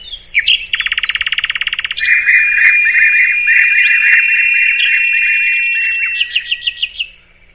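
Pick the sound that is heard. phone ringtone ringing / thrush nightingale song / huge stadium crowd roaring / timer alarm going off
thrush nightingale song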